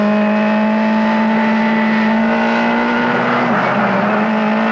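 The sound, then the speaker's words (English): A car engine roars loud, a steady humming drone that holds its pitch, then briefly dips and shifts near the end as the car, its computer hacked, speeds up with its brakes not working. No voices are heard. “Oh, no. We're speeding up.”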